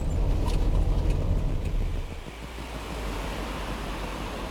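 Steady low rumble of road noise inside a moving car, with a broad hiss of wind and tires over it; the drone eases slightly about halfway through. No one speaks.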